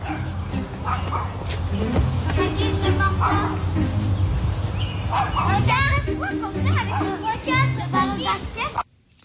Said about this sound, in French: Je vous fais entendre ça, il l'explique dans son vidéo. Qu'un chien qui jappe sans arrêt, mais sans arrêt de chez sans arrêt, là. On fait quoi que ça?